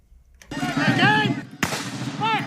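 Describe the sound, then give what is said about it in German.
Two loud, booming cannon shots about a second apart, each with a sharp blast and a rumbling tail, while voices call out and shout, fired by costumed amateur actors in a historical battle reenactment in a clearing of the national park at Vincennes, Indiana, amid powder smoke. “Kanonenschläge donnern über die Lichtung im Nationalpark von Vincennes, Indiana.”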